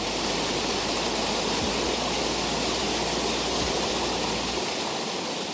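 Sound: flowing stream water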